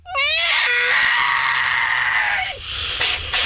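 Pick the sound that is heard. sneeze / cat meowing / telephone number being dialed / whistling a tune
cat meowing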